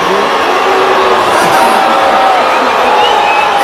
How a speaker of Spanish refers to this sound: Ese aplauso también.